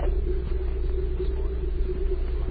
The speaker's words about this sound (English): That evening, the car arrived